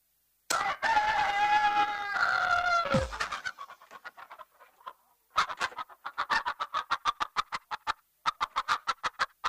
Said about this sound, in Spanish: Una tía mía ayer de la tierra que tenía un gallo espectacular, el gallo